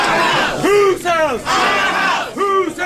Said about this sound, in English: Crowds filled several hearing rooms in the lobby of the Senate during Friday's Senate Governmental Affairs meeting on new proposed congressional districts. During the meeting, protests in opposition to the proposal took place in the Senate lobby.